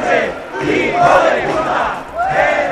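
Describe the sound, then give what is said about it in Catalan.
A large crowd at a packed rally in Plaça Sant Jaume, waving many Spanish flags, shouts and chants against immigration and the Spanish government in loud, overlapping waves of voices, swelling and dipping in a rough rhythm with no single speaker standing out. “Un costat ple de gom a gom amb moltes banderes d'Espanya, algun crit de suport a Ceuta, però sobretot contra la immigració, contra tots els musulmans i encara més contra el govern espanyol.”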